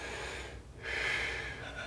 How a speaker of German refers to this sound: Einatmen.